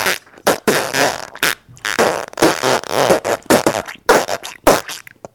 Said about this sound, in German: Nun hört ihr die Geschichte vom Pupsen.